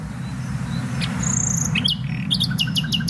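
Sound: nightingale singing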